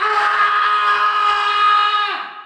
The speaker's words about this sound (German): schreit in der Nacht.